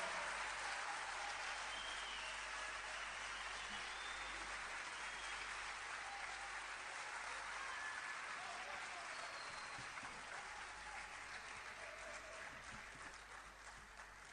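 An audience claps steadily and fairly loudly for about fourteen seconds for the evening's accompanying musicians, a dense wash of many hands that tapers slightly toward the end, with no clear talking over it.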